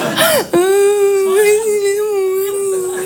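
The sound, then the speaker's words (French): A voice mimics crying: a short whimper rises and drops, then a long, loud, steady whining wail is held for about two and a half seconds. “Et puis nous, les filles, quand on pleure, on a envie de dire plein de choses, mais on n'y arrive pas.”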